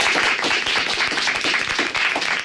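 Many schoolchildren clapping together, a dense, steady burst of many hands that carries on evenly for a couple of seconds with no voices over it, applauding to greet the audience of La Opinión on Radio Pontevedra and Radio Arousa.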